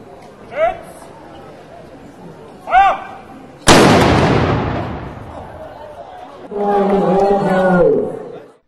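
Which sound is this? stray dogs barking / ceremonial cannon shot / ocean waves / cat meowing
ceremonial cannon shot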